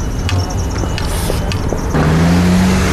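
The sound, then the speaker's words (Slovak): Steady road traffic noise at a pedestrian crossing, with a car engine rumbling, growing louder and fuller toward the end as the vehicle passes. “Doprava.”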